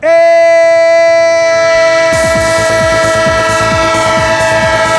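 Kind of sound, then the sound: sound effect, train horn sound effect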